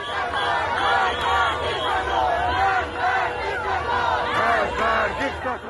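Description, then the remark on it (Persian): A large crowd protesting against the Islamic Republic shouts continuously in the streets of Rasht, Iran, around Golsar, Gas Square and the streets leading to the municipality pedestrian mall, many voices overlapping in rising and falling cries that swell into louder surges, a dense, steady roar with no single voice standing out. “جمعیتی که برای سرنگونی حکومت همصدا شده بودند، با دست‌های خالی اما گلوهای سرشار از فریاد.”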